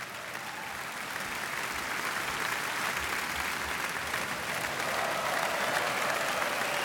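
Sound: concert audience applause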